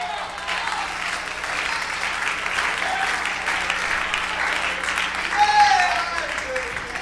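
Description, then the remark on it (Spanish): Steady audience applause fills the whole stretch, a dense wash of many hands clapping at an even loudness, with a faint voice briefly rising through it near the end. “Oye, aunque le caiga, usted guarde las apariencias y aplauda.”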